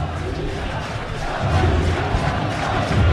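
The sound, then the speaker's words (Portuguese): A large stadium crowd at São Januário chants player Saldívia's name in unison, a dense roar of many voices holding a rhythmic, sung call that swells louder about halfway through and stays strong to the end. “Saldívia com nome gritado em São Januário, como trouxe o Brandão.”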